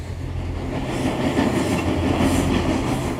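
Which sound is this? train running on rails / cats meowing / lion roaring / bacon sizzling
train running on rails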